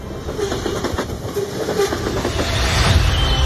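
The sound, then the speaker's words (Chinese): A green-skinned slow passenger train in China rolls along the tracks, its deep rumble broken by rhythmic clickety-clack of wheels over rail joints, growing slightly louder, with no voices. “在快速迈进高铁时代的今天，中国仍有80多对绿皮慢火车坚持运行。”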